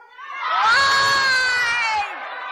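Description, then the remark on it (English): A crowd shouts back together in answer to the question of what Trump did, one loud, drawn-out collective yell that swells quickly, holds for about two seconds, then drops off into lingering murmurs. “And let me ask the crowd, what did Trump do?”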